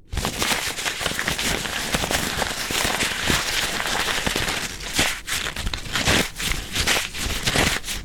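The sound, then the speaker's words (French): Handmade paper being crumpled, a dense, continuous crackling and rustling with sharp crinkly bursts scattered throughout, fairly loud and with no voices. “Et maintenant, si on le froisse?”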